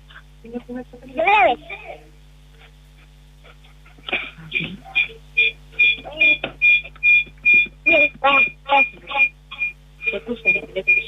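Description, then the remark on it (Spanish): A phone line's ringing tone pulses repeatedly in quick, even bursts, fairly loud and tinny as if over the line, following a short sharp vocal burst near the start, as a call is placed for the second time to a contest prize winner. “Ya, vamos a llamar por segunda vez.”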